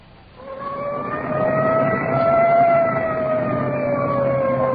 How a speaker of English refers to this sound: Arriving at the scene of the crash. Siren clearing a path through the traffic.